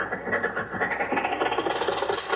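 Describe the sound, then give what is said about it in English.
The engine of an old Maxwell car runs steadily, a continuous mid-pitched rumble with a slight rattling texture and no pauses, moderately loud and heard alone without any talking. “Oh, boy, listen to that motor purr.”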